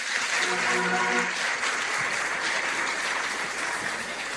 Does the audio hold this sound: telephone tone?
no